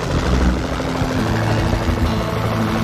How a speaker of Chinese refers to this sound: 一架直升机正在白头海雕的巢穴上空巡逻，这里就在特洛伊的联邦水坝附近。